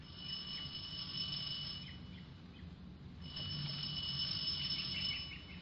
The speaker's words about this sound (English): Ring the bell.